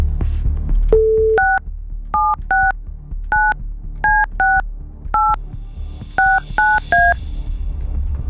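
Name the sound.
telephone number being dialed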